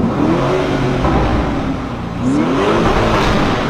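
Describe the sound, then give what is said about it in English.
A Lamborghini SUV's powerful engine revs up and down in loud, sustained bursts, its pitch rising and falling with a deep rumbling growl; no one speaks. “An SUV with this kind of sound.”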